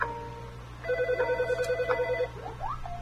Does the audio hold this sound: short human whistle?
no